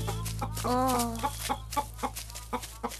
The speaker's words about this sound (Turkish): Bir dakika arkadaşlar. Ne demişler? Bir elin nesi var, iki elin sesi var. Burada iki tane değil, bir sürü tavuk var.